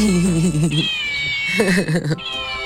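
A cat meows twice, loud, each cry drawn out with a wavering, yowling pitch, separated by a short pause. A thin high-pitched tone runs underneath.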